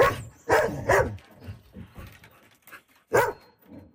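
A dog named Storm barks in sharp, loud bursts, three quick ones early and another a few seconds later, with softer whining and whimpering yelps in between, as its owner sets off on an 8-kilometer walk in Buffalo Narrows.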